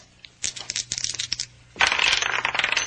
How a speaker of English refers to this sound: One of the dice turns up a 6 while the other still spins. Yeah, look at it.